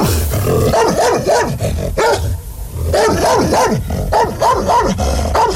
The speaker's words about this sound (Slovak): Podišiel som k ním a zabrechal som, ako najstrašnejšie som vládal.